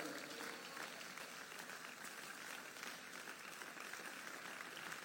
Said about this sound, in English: Keep clapping, keep clapping, keep clapping.